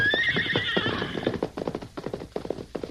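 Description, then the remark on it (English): A horse whinnies loudly with a high, wavering neigh, then a rapid, rhythmic clatter of hooves sets off and continues at a steady gallop as the sheriff's son rides it away. “Lance and Kansas stood in the doorway and watched the sheriff's son ride away until he had disappeared over the horizon.”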